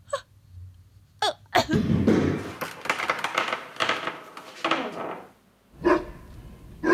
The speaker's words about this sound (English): Yes, catch the bone, catch cutie. Oh, you are such a good dog. Yes, attaboy.